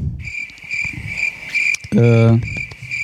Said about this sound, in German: Wahrscheinlich habe ich gerade Grillzirpen reingeschnitten. Ich weiß es nicht.